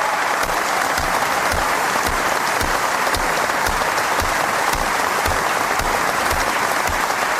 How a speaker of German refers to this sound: Das Publikum in der Messehalle erhob sich und belohnte Milan Ude mit lang anhaltendem Beifall.